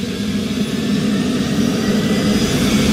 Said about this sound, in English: returns to the helicopter and he and his pilot are off on the first rescue mission